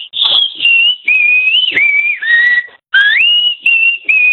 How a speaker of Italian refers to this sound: fai sentire il tuo di fischio di nuovo. Prova a farlo ritmato. Vai. Vai.